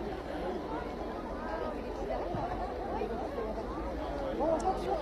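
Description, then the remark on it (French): A large crowd of pilgrims at Lourdes murmurs continuously, many overlapping voices of the faithful blending into a steady, even babble with no single speaker standing out, holding at a moderate level throughout. They are gathered on the prairie where Pope Leo XIV is to celebrate Sunday mass. “Vous qui n'êtes pas là, vous êtes ici avec nous à Lourdes, au milieu de cette foule.”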